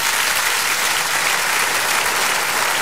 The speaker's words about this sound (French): Attention, tout on peut applaudir les pompiers. Quel beau métier, les pompiers, monsieur, dame.